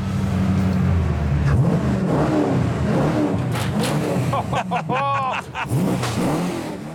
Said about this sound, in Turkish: Ed'i motor sesiyle uyandırmanın vakti geldi.